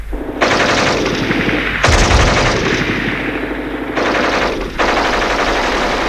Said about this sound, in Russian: Немцы вдруг начинают пальбу. И мы добрых 15 минут лежим, уткнувшись в землю носами.